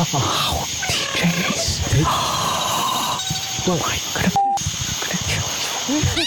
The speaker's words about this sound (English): It's a coyote fox. By the way, I'm triggering all these sounds from my phone in my pocket.